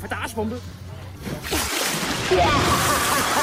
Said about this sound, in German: Na klar, Sommerzeit ist Arschbombenzeit und da muss es natürlich spritzen, bis die Schwarte kracht.